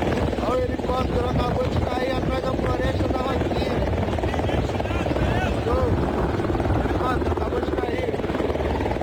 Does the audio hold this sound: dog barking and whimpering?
no